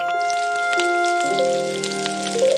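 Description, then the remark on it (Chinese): A steady crackling sizzle of Sichuan pepper sprouts, coated in egg and batter, deep-frying in oil heated to about eighty percent, with scattered sharp pops, running throughout beneath soft sustained background music. “花椒芽洗净，打入鸡蛋，包裹面衣，维持鲜嫩，油温八成，下锅煎炸。”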